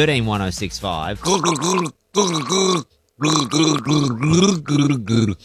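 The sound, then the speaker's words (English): A voice gargles a tune, bubbling and rattling through a series of pitched, sung phrases with brief pauses between them, loud and steady throughout. “This is me gargling a song.”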